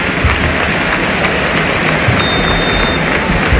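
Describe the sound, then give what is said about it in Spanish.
A large football stadium crowd applauds as Jarque and Puerta appear on the video scoreboard, in a dense, unbroken wash of clapping that holds a steady, loud level throughout, with a faint high whistle-like tone surfacing briefly partway through. No one speaks. “Los aplausos también.”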